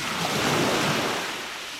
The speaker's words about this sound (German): Und so ganz viel Wasser, das Meer.